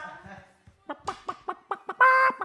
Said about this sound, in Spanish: No, y luego entre que me atacan las gallinas mi hermano... ¿Que la gallina ponedora te ataca?